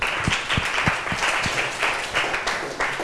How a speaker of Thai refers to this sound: ขอเสียงปรบมือให้ตัวแทนนักเรียนด้วยค่ะ